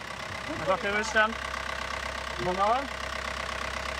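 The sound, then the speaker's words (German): A 100 hp four-cylinder Yanmar boat engine with a fixed propeller idles during an engine test, a steady, low, rumbling drone throughout, while a voice speaks briefly over it twice. “Das ist ein 100 PS Vierzylinder Yanmar.”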